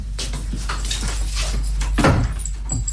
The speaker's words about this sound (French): Ferme la porte à clé, hein, on va s'installer à côté.